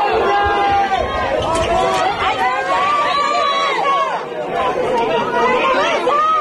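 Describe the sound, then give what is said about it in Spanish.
A crowd of activists gathered at the door of a house in Las Palmas de Gran Canaria, resisting an eviction, many voices talking and calling over one another in a dense, steady babble with no single voice standing out. “Eso sí, no sin resistencia, la que ofrecían, entre otros, los miembros de Derecho a Techo, activistas que se concentraban en la puerta de la vivienda.”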